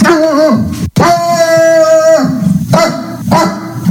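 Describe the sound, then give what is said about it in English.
A person's voice loudly imitates the dog Friendly, giving a few drawn-out, tonal barking woofs in quick succession, with no other talk. “And that first, the woof, woof, woof at the beginning is Friendly.”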